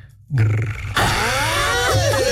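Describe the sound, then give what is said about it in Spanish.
After a brief moment of quiet, a person imitates a wolf's growl: a low, rough, rumbling snarl that turns louder and raspier, with wavering, gliding pitch, lasting about two seconds. “Ahora soy lobo. Hazme un grrr.”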